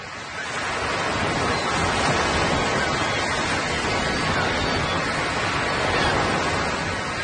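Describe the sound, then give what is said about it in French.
Ocean waves wash steadily onto a beach in a continuous, full-bodied roar of surf, fairly loud, with no voices, just the constant hiss and rumble of breaking water. “Je me rappelle le sable, la plage, l'eau, les vagues incroyables. Oui, surtout ce murmure incessant.”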